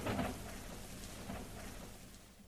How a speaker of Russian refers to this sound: А потом дождь внезапно прекратился.